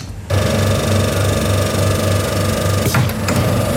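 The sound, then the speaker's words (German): A coin-operated soft-serve ice cream vending machine at a farm shop in Schmallenberg-Niedersorpe kicks on abruptly, humming loudly and steadily with a rhythmic mechanical pulse, then a couple of clunks and rattles near the end. “Ich stecke hier gerade eine Münze in einen Eisautomaten rein.”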